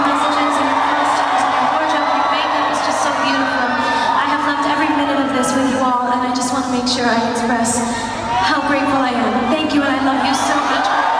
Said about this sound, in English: The singer ended her … in London last night. She thanked her cheering fans at the O2 Arena.